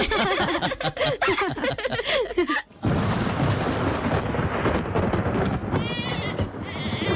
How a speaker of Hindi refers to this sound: लगता है बादल गरजने की आवाज से डर रही है रानी।